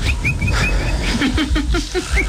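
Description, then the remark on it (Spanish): A man whistles in imitation of a little bird: short, high chirps followed by a run of quicker, lower warbling tweets, all over a steady low background rumble. “Entonces llegó y empezó a hacer como un pajarito.”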